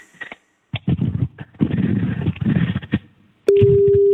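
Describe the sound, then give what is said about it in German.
A voice talks for a few seconds, then a telephone ringing tone on a phone call cuts in abruptly: a steady, loud, low-pitched electronic hum that holds unchanged to the end. “So, das müsste mal klingeln.”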